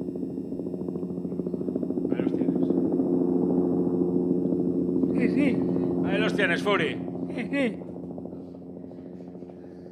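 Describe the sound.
A helicopter's steady, low droning hum runs throughout, fairly loud and close, easing slightly toward the end, while people speak briefly over it.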